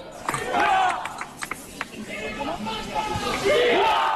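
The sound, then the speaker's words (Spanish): A large crowd of demonstrators in a city centre, wearing hats and caps and carrying yellow flags, shouts and cheers together, a dense, steady roar of many voices with sharper individual yells and whistles rising above it throughout. “Ataviados con sombreros, con agua en la nuca, con sprays, con gorras, con banderas amarillas y con gritos.”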